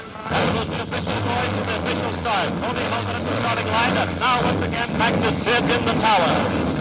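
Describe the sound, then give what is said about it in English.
Several race car engines at the starting line roar to life together on the command to start engines, a loud, steady, rumbling drone that fills the space, with crowd noise and indistinct voices mixed into the din. “Gentlemen, start your engines.”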